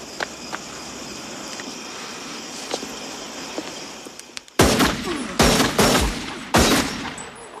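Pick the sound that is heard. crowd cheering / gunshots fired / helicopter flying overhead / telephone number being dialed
gunshots fired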